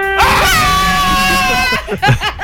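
A 'trumpet of luck' horn is blown on cue during a prize-game announcement, in one long, loud, brassy blast that holds a steady pitch for about a second and a half, then breaks off as voices start talking.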